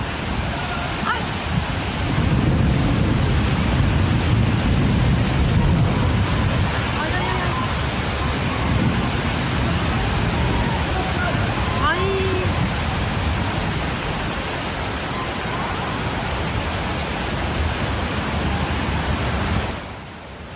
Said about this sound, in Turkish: Sevgili dostlar, evet bu bir yağmur, bu bir doğa olayıdır. Tabii ki insanoğlunun önlem alamayacağı şeyler vardır.